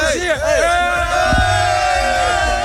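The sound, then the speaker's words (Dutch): A loud festival crowd cheers and whoops, with many voices rising and falling in overlapping shouts over a steady roar of chatter throughout. “Ja, het sfeertje zat er goed in, hoor je al.”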